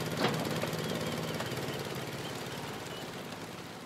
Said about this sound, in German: Also das hier ist ein vollkommen ordinärer Honda Stationärmotor mit 9 PS und Fliehkraftkupplung. Ein wunderbares Gerät, kann man hier mit dem Tau anziehen, ne? Und läuft eigentlich relativ zuverlässig.